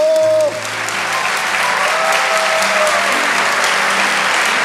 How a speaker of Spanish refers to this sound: Vamos, dale ese aplauso al Señor más fuerte.